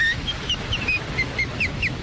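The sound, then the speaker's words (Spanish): American whistler Alice G. Shaw, on an old wax cylinder recording, trills a rapid run of short, high, sliding notes at a steady lilting pace, all over a heavy bed of crackly surface hiss and rumble. “Shaw, y grabó este solo en cilindro de cera.”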